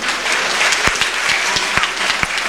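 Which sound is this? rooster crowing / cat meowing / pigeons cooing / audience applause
audience applause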